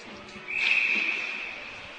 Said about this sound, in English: And we get a whistle right off the hop. And we'll do that face-off again.